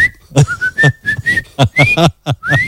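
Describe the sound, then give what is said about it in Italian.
A person whistles in a rapid string of short, mostly level and rising tones, punctuated by sharp percussive bursts, almost like whistled speech. No one talks. “che è la vigilessa, dice: no, lì non puoi attraversare, ma non glielo dice a gesti, no, glielo dice fischia.”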